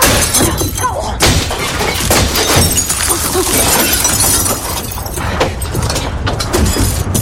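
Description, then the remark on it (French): A large glass window shatters in a loud, sustained crash, with dense tinkling and crunching shards pouring down for several seconds and fresh bursts of breaking glass along the way. “t'ai dit que je voulais exploser la grande vitre.”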